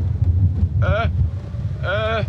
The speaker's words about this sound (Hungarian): Jól van, megpróbálok visszafordulni, csak kicsit elkezdett fújdogálni a szél!